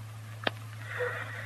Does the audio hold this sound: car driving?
no